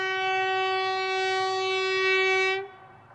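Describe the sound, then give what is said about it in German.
A train on the Trans-Mongolian Railway, heading toward the Chinese border through the Mongolian steppe, sounds one long, loud, steady horn blast that cuts off abruptly near the end, with a low rumble of the moving train underneath. No one speaks. “Die transmongolische Eisenbahn schlängelt sich weiter in Richtung chinesische Grenze.”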